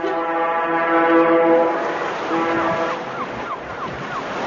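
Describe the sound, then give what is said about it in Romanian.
The siren of the fishing ship Meteor blows a loud, steady, buzzy blast, then sounds again in shorter wavering, rising whistles over a constant rush of wind and surf. “Sirena șuiera de zor.”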